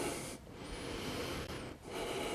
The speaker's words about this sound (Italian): Come se stessi galleggiando, mi lascio andare sul tappetino, sento come va la respirazione.